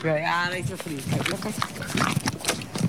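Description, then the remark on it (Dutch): A horse named Mozart snorts and nuzzles the microphone's pop filter, opening with a short, throaty grunt, followed by soft snuffling and rustling while a person talks, in a sand-filled riding arena about 50 metres long. “De plopkap is geen snoepje, Mozart, nogmaals.”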